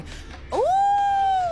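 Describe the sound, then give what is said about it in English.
A person imitates a wolf howl: one loud, sustained vocal tone that swoops upward and then holds steady, following a brief moment of quiet background noise. “Wolf.”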